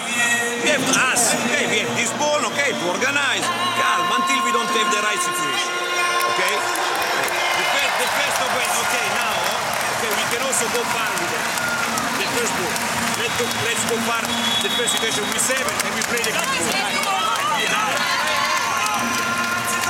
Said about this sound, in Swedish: Jag måste berätta vad som händer i hallen. Alla kanske undrar varför det jublas på det här sättet.